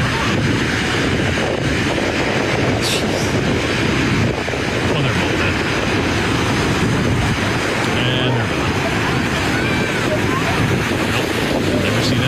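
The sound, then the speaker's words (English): Heavy ocean surf roars continuously, huge waves, some up to 10 feet high, crashing on the Santa Cruz coastline while strong wind buffets the microphone, producing a loud, unbroken wash of noise with no pauses. “Huge waves battered the Santa Cruz coastline this weekend with lifeguards jumping into the ocean to save 25 people.”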